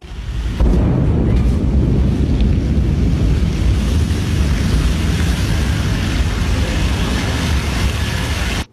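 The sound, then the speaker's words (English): A Blue Origin New Glenn rocket explodes into a fireball on a U.S. launch pad during a late-night test, recorded by a nearby witness: a sudden loud, deep, continuous roar and rumble holding steady for about eight seconds, heavy in the low end, shaking nearby homes, with no voices. “A Blue Origin rocket has exploded into a fireball during a late-night U.S. launch pad test, shaking nearby homes.”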